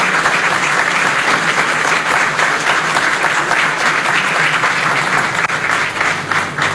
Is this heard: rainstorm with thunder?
no